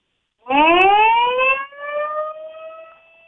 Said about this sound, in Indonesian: Ya, pendengar, baru saja ditekan sirine sebagai simbol sudah diresmikan logo untuk HUT RI ke-81.